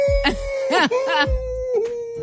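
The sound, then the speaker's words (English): A person in a studio imitates a wolf howl, holding a long steady wail while other voices make short yelps and whoops over it, loud. “That's my sound of a wolf.”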